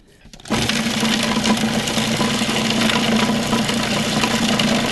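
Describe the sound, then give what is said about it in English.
After a brief quiet moment, a kitchen machine kicks on and whirs loudly and steadily, finely chopping herbs including basil rather than pureeing them, with a constant motor drone and busy rattling blades. “We are not pureeing. We I are see that. finely chopping.”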